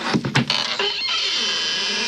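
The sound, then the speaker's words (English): Ananias knocks on the door of Judas' house: a few sharp knocks in the first second, unevenly spaced, followed by a steady, even hiss with no voices. “Several hours later, Ananias was knocking on Judas' door.”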